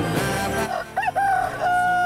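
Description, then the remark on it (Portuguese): A rooster crows once, loud, its call rising through a wavering middle before stretching into a long, strained final note. No one speaks. “Galo, galo, galo, galo, galo, galo, galo, galo, galo cantando.”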